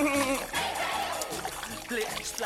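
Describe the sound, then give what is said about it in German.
Water splashes and sloshes continuously, fairly loud and unbroken, while a voice talks over the watery noise. “Da plätschert er die ganze Zeit”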